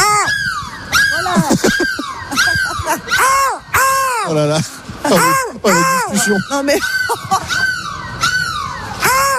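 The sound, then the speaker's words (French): Several people loudly imitate seagull cries to say goodbye on Énergie radio's bus, broadcasting live from Lille: a rapid stream of overlapping squawks and wails rising and falling in pitch, with a few spoken exclamations between them. “J'ai envie qu'on se quitte, on se dit au revoir, on crie de la mouette.”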